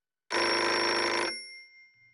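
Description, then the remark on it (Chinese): A single loud burst of an old-style telephone bell ringing at a special investigation task force office, a dense metallic jangle lasting about a second before cutting off and ringing out briefly, with no voices. “一分钟后，电话又响了起来。”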